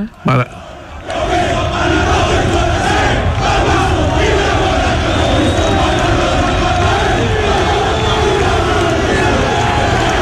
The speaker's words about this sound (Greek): Είναι όταν πήγε στην Νάπολη εδώ που φωνάζουν οι άνθρωποι εκεί Μαραντόνα και Μαραντόνα και έκανε τσαλιμάκια στο γήπεδο, τεράστιος παίχτης.